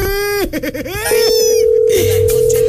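A loud electronic telephone tone on an outgoing call placed by Radio Mega Mix to a listener in a prize contest: a steady buzzing note, a quick warbling trill, then another long held tone, with no one speaking.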